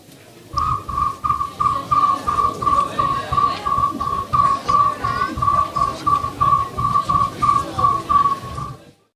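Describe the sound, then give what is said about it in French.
A person imitates a cricket's chirp: a steady, high-pitched trill pulsing in a fast, even rhythm for about eight seconds, with soft throaty pulses underneath each beat. “Je me permets de mettre le grillon qu'on écoute un petit peu comme petit exemple.”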